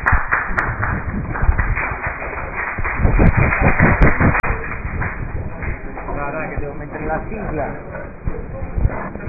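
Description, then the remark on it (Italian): As a debate ends, a busy room breaks up: chairs scrape and shift, footsteps and knocks clatter, and many voices chatter at once in a continuous, fairly loud commotion. “Bene, è finito il dibattito, movimenti di sedie, casino,”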